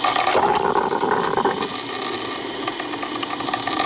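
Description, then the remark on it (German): A coffee machine gurgles and hisses steadily as it brews, a dense watery bubbling with faint clicks that eases slightly in volume partway through, with no voices. “Oh, der Sound der Kaffeemaschine.”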